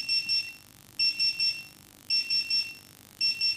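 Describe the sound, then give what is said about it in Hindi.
A phone rings during a call-in radio programme with a high electronic trill: quick bursts of three chirps each, repeating four times at a steady pace, with no one talking. “तो आवा चलिन ए देखो फोन तको बाजे लागी से।”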